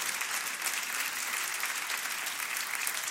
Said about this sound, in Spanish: Gloria al Señor. Aplauda si le va a aplaudir al Señor por su palabra.